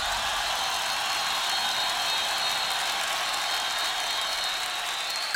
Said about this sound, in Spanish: Dele un aplauso fuerte al Señor.